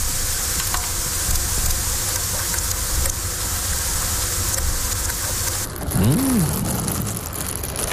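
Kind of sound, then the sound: food or drink, sizzling bacon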